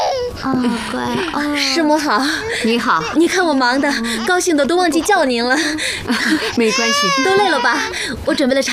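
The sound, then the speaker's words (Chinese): A small child, the younger of two, cries from shyness of strangers in wavering, high-pitched wails that rise and fall continuously, fairly loud, with adult voices speaking over and around the crying. “来来来， 怎么哭了呢？太小了，认生呢。”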